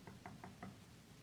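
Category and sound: impact, knocking on a door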